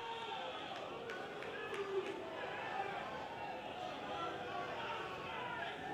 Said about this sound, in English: And you could hear what the home crowd thought about that.